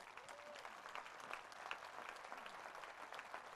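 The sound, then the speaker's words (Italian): Steady audience applause fills the space, a dense wash of many hands clapping at once, continuous and even throughout with no voices standing out, for an orchestra from the city of Cuneo, Italy, at a Ferragosto event. “E ancora applauso che prosegue per tutti voi che avete deciso di trascorrere con noi questo Ferragosto per il 46esimo anno di fila.”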